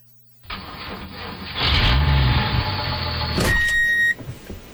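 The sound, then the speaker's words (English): The diesel engine of heavy equipment, worked by an operator, cranks and roars to life, settling into a loud, steady rumble, with a high electronic beep sounding near the end. “You hear the diesel. You feel the ground move.”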